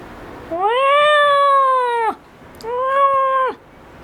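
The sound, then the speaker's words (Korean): A large, burly cat named Doryeonnim meows twice, loudly: a long, drawn-out cry, then after a short pause a second, briefer one. No one speaks. “도련님은 기골장대한 덩치와는 다르게 옷깃을 구르는 듯한 소리로 울었다. 어쩐지 고양이 같지 않은 소리였지만.”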